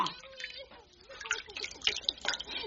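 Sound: water splashing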